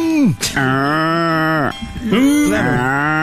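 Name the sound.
cattle mooing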